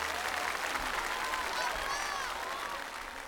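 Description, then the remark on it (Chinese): An audience applauds the performers in a steady, dense wash of clapping that stays loud throughout, with faint voices and a few cheers threaded through the noise. “来，掌声给他们。”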